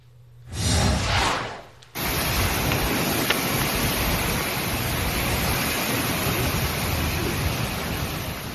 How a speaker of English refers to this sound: Those aren't the sounds you want to hear when you book a trip to Florida for vacation, right? But this was the scene yesterday in portions of Florida. Heavy rain, some gusty wind, and we have more tropical downpours, as you mentioned, in store.